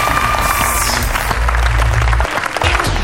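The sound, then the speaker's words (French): A loud, dense burst of crowd applause and cheering, steady and energetic for a few seconds before briefly dipping and swelling again, with no one speaking; the audience of the show Planète Junior as it begins. “Salut la foule en délire!”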